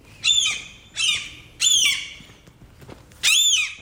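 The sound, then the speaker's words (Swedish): A seagull squawks four times in harsh, loud calls, three in quick succession and one after a short pause, with no voices present. “Men jag har pratat med ett gäng andra, några stycken som faktiskt känner igen den här bilden och tycker att det är lite besvärligt så här års helt enkelt med måsar.”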